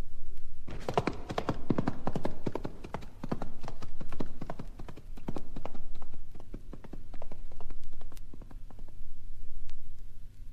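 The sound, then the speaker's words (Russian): Horse hooves clip-clop in a steady, brisk rhythm of many sharp knocks, loud, continuing throughout with a low rumble underneath and no voices; a ridden horse moving fast. “Твой конь летит, как ветер, а я отягощен сумою.”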